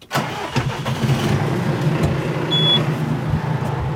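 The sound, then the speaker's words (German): A diesel tractor engine, towing a trailer with four large water tanks, turns over and catches, then settles into a steady, loud chugging rumble that continues without pause as it sets off down the hill to a hydrant near the village to fetch water. No voices are heard. “Der Traktor und ein Anhänger mit 4 großen Wassertanks ist parat.”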